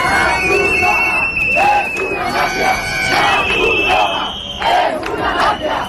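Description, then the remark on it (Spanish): A crowd of protesters in Ceuta shouts slogans, including "La Cruz Roja es una mafia" (the Red Cross is a mafia), in loud, overlapping voices, with rising chant-like bursts repeating across the whole stretch, dense. “La Cruz Roja es una mafia, gritaban.”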